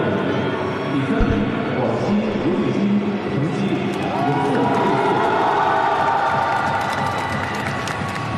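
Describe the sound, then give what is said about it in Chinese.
A large audience at a swimming competition applauds and cheers in a dense, steady roar that stays loud across the whole stretch, with faint voices mixed into the crowd noise. “我们刚才通过掌声来看到啊”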